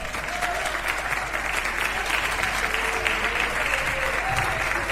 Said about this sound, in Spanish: Tomen asiento, mis hermanos, y denle un aplauso fuerte al Espíritu Santo.